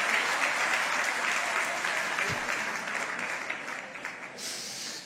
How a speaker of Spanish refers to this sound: Ay, hay mujeres que no están aplaudiendo.